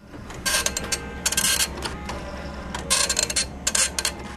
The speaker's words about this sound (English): An old printer clacks as it produces an image from the first version of Microsoft Paint.